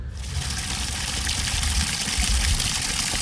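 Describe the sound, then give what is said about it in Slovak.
A stream that divides the village of Vlkolínec in half flows steadily, its broad rushing wash continuous, with a low churning rumble underneath and no voices. “Tak, aby chcel som ti najprv dať zvuk tohto nádherného potoka, ktorý rozdeľuje túto dedinu na polovicu.”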